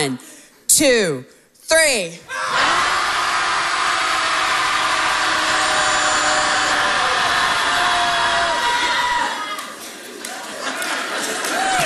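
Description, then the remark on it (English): A group of people letting it all out together in a "Shouting Society" session: a few short, rising yells break out, then a loud, sustained roar of many voices shouting together for several seconds before it thins into scattered cries. “Everybody at home listening, hopefully you're shouting too. Here we go. Shouting Society commences.”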